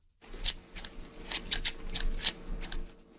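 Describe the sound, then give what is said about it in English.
Scissors snip through a cloth flag, cutting the center out of it, about a dozen crisp, quick cuts in a loose, uneven rhythm, heard alone with no voices. “He took a pair of scissors, or maybe a knife, and cut the center out of a flag, and later put the damaged flag in a box under his bed.”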